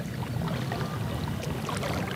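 A kayak paddle dips into the mirror-smooth water of a canal in Mexico City with flowing right-left strokes; water sloshes and splashes steadily, a continuous wash of low watery churning with small bright splashes scattered throughout, no voices present.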